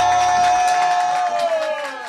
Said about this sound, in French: Le show a été assuré. Un tonnerre, un magnifique applaudissement